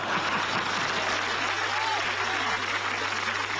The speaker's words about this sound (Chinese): 说呀，来，我们掌声鼓励他往下说呀。